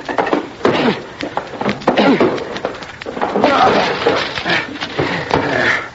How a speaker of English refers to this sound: The door to the room where he had all of this electrical equipment was locked, and we had to break it down. Door's locked, son. I'll have to break it in.